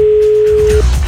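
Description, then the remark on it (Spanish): A telephone ringing tone on a call: one steady, sustained electronic beep lasting most of a second, then cutting off into low background rumble. No one speaks. “Llama.”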